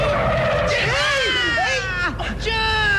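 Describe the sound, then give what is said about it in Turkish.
Loud tire screeching from a bus braking hard as a child darts into the street, a sustained squeal with wavering pitch lasting a few seconds over street noise. “Kolundan tutup çekmeseydim az da otobüsün altında kalacaktın.”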